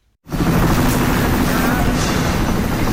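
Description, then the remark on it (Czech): A military helicopter evacuating people injured in flash floods from the foot of the Himalayas in Nepal roars loud, its rotor beating in a steady, rapid thump under a dense engine whine, starting abruptly after a brief moment of silence. “Zraněné sváží z úpatí Himaláje 22 vojenských vrtulníků a desítky sanitek a autobusů.”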